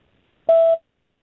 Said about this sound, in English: That sounded like a voicemail.